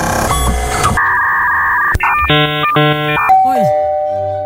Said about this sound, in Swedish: Hörde ni pingplong på slutet också? En dörrklocka. Ja, det där var LinkedIn-datorn.